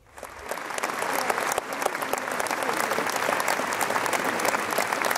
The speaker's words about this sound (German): Höflich enden wollenden Applaus gab es am Ende der Premiere der ersten La Traviata auf der Seebühne.